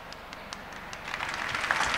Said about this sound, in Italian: Che applauso in realtà è per dire, fai risposte più brevi.